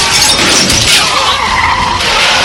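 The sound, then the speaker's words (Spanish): A van skids loudly with screeching tires during a police chase, then crashes into a police patrol car with a crunching, shattering impact, the noise staying dense and loud throughout with no talking. “Una camioneta impacta contra una patrulla.”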